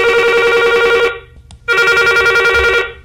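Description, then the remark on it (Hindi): A telephone rings loudly, two long trilling bursts separated by a short pause, the classic ring of an incoming listener call to a phone-in programme, with no voices present. “तो कीजिए कॉल 2660902 पर और एसटीडी कोड आप जानते ही हैं 0755। हमें इंतजार है आपके फोन कॉल्स का।”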